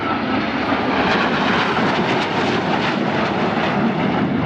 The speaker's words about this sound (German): Noch ist es ganz ruhig, obwohl man sie schon deutlich sehen kann. Aber wie wir wissen, laut ist ein Flugzeug ja hinter dem Flugzeug. Und da sehen sie 4 Eurofighter.